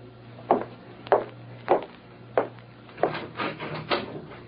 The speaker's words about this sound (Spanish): Llaman a la puerta